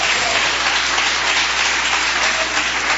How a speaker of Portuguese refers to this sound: Pode se assentar e dar aquela salva de palmas para Jesus que ele merece. Pode bater mais palmas para Jesus.